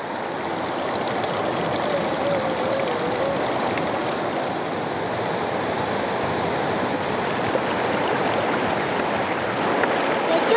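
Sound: river water flowing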